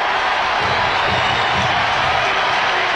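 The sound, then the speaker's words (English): A big stadium crowd at a baseball game is on its feet, roaring and cheering steadily with a full count, two outs, bases loaded and the Mariners up by one, a loud, dense wall of voices with no single voice standing out and no break over the few seconds. “Crowd on their feet.”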